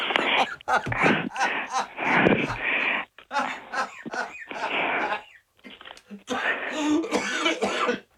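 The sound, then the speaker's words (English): A run of harsh coughs and rough throat clearing, coming in several bursts with brief pauses between them, fairly loud. “Don't make me cough.”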